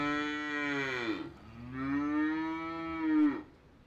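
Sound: cow mooing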